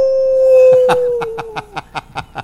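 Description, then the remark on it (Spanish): A single long, steady wolf howl holds one pitch and sinks slightly at the end, then gives way to a quick run of rhythmic, breathy bursts like snickering or panting, fairly loud. “Asustado por el lobo, ¿eh?”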